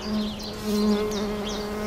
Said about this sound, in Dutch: En dan hoor je dat hoge. Ja. Dat is een hele bijzondere manier die hommels gebruiken om het stuifmeel uit de helmhokken te trillen. Dus zij zoeken de eigen frequentie op van de helmhokken door met hun vleugeltjes te trillen.